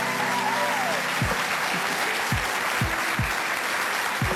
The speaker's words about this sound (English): Can you please give an enormous round of applause for Susan Choi?